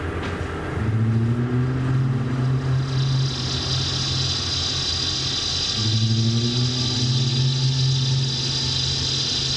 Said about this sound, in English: Traffic wheezes and shuffles through its cloudy headlight fog as one by one streetlights stain the iodine city and the sodium night begins again.